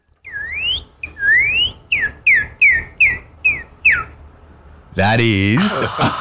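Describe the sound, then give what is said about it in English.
A person whistles an imitation of a northern cardinal, the most common bird heard around their home in Oklahoma, US: a series of about seven bright, rising slurred whistles in quick rhythm, getting shorter and choppier, followed by a burst of laughter. “The northern cardinal. Ooh, I haven't heard that before. No, I haven't heard that one. Could you give us that?”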